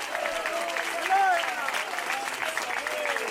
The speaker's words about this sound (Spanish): Dele fuerte ese aplauso sea para Él.